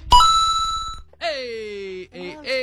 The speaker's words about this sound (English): The bell.